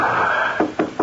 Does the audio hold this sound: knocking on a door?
yes